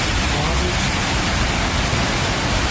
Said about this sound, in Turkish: Binaların bahçelerini de su bastı. Taşan su garaja, şelale gibi işte böyle döküldü.